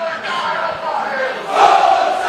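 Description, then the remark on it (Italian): A large stadium crowd of over 800 visiting football supporters in Aversa chants steadily and loudly during a match, a dense wall of voices that swells in intensity toward the end. “Incessante il tifo dei supporter sionici, gli oltre 800 che hanno raggiunto Aversa quest'oggi e che stanno sostenendo.”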